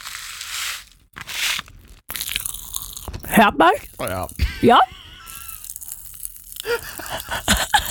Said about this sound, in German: Achtung. Hört ihr das? Ja. Das ist das erste Geraschel. Okay, was könnte das nur sein? Okay. Knisterpulver, Achtung. Achtung.